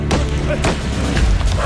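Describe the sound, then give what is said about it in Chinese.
Several sharp gunshots crack out at uneven intervals from fighting at the east entrance of a village, booming against a dense, noisy background of commotion, with no clear speech over them. “哪来的枪声？”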